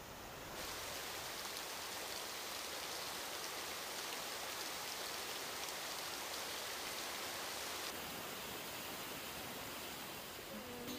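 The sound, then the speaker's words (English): Shower water runs in a steady hiss, a dense continuous spray that barely changes for about eleven seconds, with no voices over it. “Gonna take a shower.”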